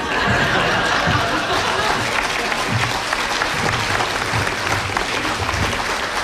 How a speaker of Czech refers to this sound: tady se každému tleská.